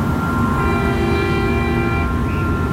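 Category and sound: vehicle, car horn honking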